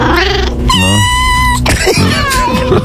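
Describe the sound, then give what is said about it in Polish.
A cat named Leszek meows loudly on RMF radio, two drawn-out, wavering cries in quick succession with no talking over them. “I ogłosi je Kotek Leszek.”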